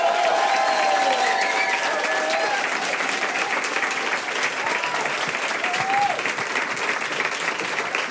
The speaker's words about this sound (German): Riesengroßen Applaus für Finn Farina.